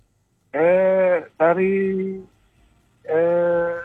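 A goat bleats three times, loud, each call a wavering nasal cry lasting under a second, with a short pause after the second one. No other sounds.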